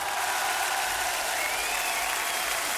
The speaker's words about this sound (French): je vous demande d'applaudir donc le père éternel et le vrai cette fois